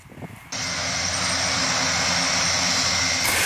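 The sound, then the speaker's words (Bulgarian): The loud propeller engine of a specialized firefighting aircraft roars in abruptly after a brief moment, holding a steady droning pitch with strong low harmonics as the plane flies overhead. “Промяната в климата и честите пожари направиха търсенето на специализирани самолети много голямо.”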